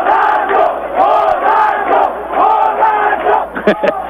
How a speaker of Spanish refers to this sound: Se fueron en contra del arquero. ¿Cuál es el grito? Borracho, borracho, borracho. Y borracho no vale, no señor.